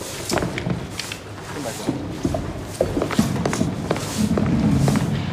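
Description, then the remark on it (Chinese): A microphone being tapped at a meeting after the loudspeakers suddenly went silent: a series of dull, muffled thumps at an uneven pace, some sharper than others, with faint voices and a low hum underneath. “喇叭不响，你拍话筒干嘛？”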